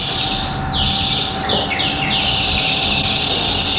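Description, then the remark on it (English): An organ's bird-whistle effect: a handful of quick, high, downward-swooping whistles, clustered near the middle, over a steady low drone and a constant background hiss. “Oh, the birds whistling, yes.”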